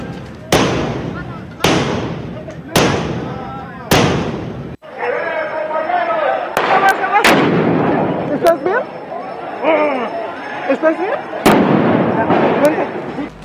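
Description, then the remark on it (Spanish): Loud firecrackers and rockets bang in a quick series of four sharp blasts, then more scattered explosions go off over a noisy crowd of shouting voices, launched from both sides of metal barriers during a street protest clash with police at the crossing of 20 de Noviembre and Venustiano Carranza. “La protesta subió de tono cuando un grupo de sujetos se dejó ver con tubos, palos y mazos mientras se registraba el lanzamiento de cohetones, petardos, polvo de extintores y objetos desde ambos lados de las vallas.”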